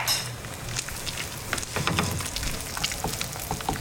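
Eggs and cheese sizzle in a buttered skillet, a steady crackling hiss dotted with sharp little pops and faint low scraping, with no one talking.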